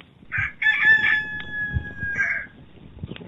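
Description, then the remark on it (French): A rooster crows once, a loud cock-a-doodle-doo with a long sustained middle note that breaks off near the end, over faint low background rumble. “À cet instant, un cri retentit dans la lueur du matin. Le chant d'un coq.”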